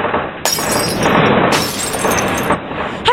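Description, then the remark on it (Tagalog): Household objects crash and shatter as a house shakes during an earthquake, with loud bursts of breaking glass at the start and again midway, followed by a continuous clatter of smashing debris. No one speaks. “Hinumduman ang mga angayang buhaton kung mahitabo ang linog.”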